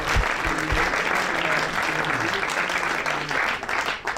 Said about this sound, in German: Herzlich willkommen, lieber Udo. Ein Applaus.